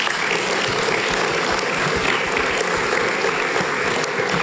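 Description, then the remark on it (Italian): Sustained applause from a crowd at a morning event, given for the absent politician Mascaretti, a dense, steady wash of many hands clapping at an even loudness for several seconds, with no voices standing out. “Mi dispiace che per problemi istituzionali non sia qui con noi, perché meritava di vedere il successo di questa mattinata, e quindi penso che un applauso se lo meriti.”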